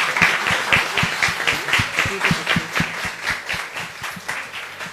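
An audience applauds a robotics team steadily, many hands clapping in a dense, even rhythm that holds at a fairly loud level throughout, with no voices standing out.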